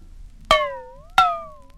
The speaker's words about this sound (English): Number 6 was a frying pan.